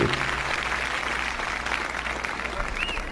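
A crowd claps steadily, a dense patter of hand claps sustained at an even, moderately loud level throughout, with no voices standing out.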